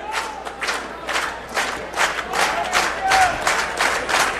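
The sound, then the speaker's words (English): A large stadium crowd at a baseball game roars and cheers continuously, a dense wash of voices swelling in steady waves, with occasional whistles cutting through the broad, sustained noise. “Crowd into it.”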